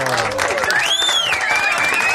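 Loud, dense applause from an audience after a tango performance fills the whole moment, a steady wash of clapping with a faint whistle-like tone sliding above it.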